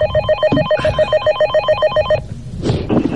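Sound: telephone ringing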